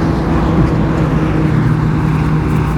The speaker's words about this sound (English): A loud motorbike as well, about 5:40 in the morning. This traffic through the night, it's really quite chastening.